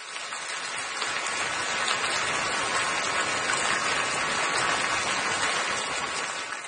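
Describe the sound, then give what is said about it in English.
A steady, dense hiss of falling water, like a shower running, holding an even level for several seconds with no voices and no pauses. “But it does sound like I'm in the shower right now.”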